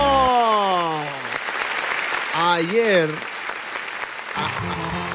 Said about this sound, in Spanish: ¡Fuerte el aplauso! ¡Fuerte el aplauso!